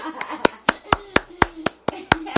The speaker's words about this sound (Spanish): Quiero que me le den un fuerte aplauso